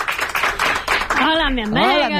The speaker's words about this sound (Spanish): un aplauso para ella